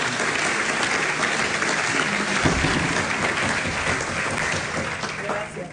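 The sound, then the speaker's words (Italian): An audience claps steadily for several seconds for two women, Barbara Beltrame of FV Beltrame Group and grappa producer Giannola Nonino, a dense, even patter of many hands that stays loud throughout without a clear break or fade. “Mi fate un applauso per favore, visto che sono due signore.”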